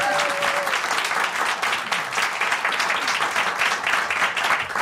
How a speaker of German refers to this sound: Und ich möchte einen großen Applaus von unserem Präsenzpublikum einfordern, weil du hattest gerade die Doktorverteidigung und du darfst dich jetzt